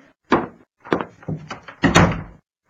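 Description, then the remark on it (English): A back door is handled: several heavy wooden thunks and knocks in an uneven sequence, like the door being opened, bumped and shut, with no talking. “Oh, that must be him at the back door.”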